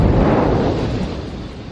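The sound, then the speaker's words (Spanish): A pipeline fuel tank explosion in Glenpool, Oklahoma, booms as a loud, deep roar that fills the whole clip and only slowly eases off; the blast threw the top of the tank into the air. No voices are heard. “Estas imágenes corresponden a la explosión de un tanque de combustible de un oleoducto en la ciudad de Glenpool, en el estado de Oklahoma.”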